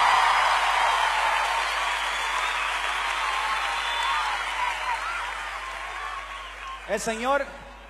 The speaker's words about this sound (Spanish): Pues el aplauso para Cristo que se escuche.